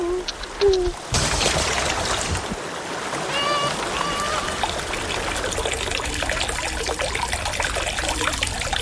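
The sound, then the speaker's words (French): Water trickles and babbles steadily, a continuous bubbling flow that begins abruptly after a brief moment and keeps a fairly even level throughout. “Et voilà, c'était un son des voix de l'eau, l'avant-dernier.”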